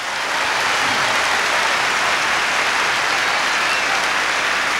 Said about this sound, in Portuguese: Praise the Lord. Give the Lord a hand of praise. Vamos aplaudir o Senhor com as nossas mãos.